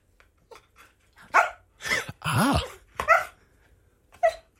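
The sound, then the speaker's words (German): A TV dog gives a short, irregular series of barks and yelps, some brief and some drawn out with a whiny rise and fall, with quiet gaps between. “wenn Bandit sprechen könnte, was würde er über sein Leben als TV-Hund erzählen? Ich glaube, der konnte... Lass ihn doch mal fragen”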